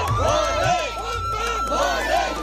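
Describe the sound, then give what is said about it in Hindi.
A crowd of Shiva pilgrims at Baltal, setting out on foot on the Baba Barfani pilgrimage, chants religious slogans such as "Har Har Mahadev", "Bam Bam Bhole" and "Jai Baba Barfani" in a valley, rising and falling voices in repeated surging calls over a steady background hum, loud and energetic throughout. “घाटी में भोलेनाथ के जयकारे गूंज रहे हैं।”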